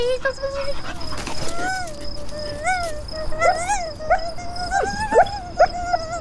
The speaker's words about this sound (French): Oui, c'est un chien. Il a beaucoup trop de poils, mais voilà une oreille qui me paraît succulente.